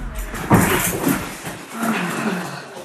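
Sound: dog whimpering and yipping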